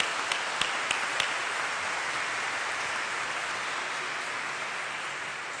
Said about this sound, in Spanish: Un fuerte aplauso.